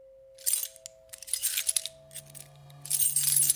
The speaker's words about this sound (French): Les clés, tout partout, partout où vous allez, vous avez le bruit des clés.